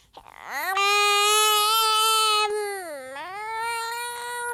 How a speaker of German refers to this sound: Das Baby schreit.